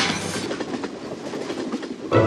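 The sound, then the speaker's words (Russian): A passenger train's wheels clatter steadily over the rails in a continuous rumbling rhythm, with no voices, and the noise swells briefly louder near the end. “Каждое путешествие на поезде для Ильи настоящий праздник. Он первым забегает в вагон и устраивается у окна.”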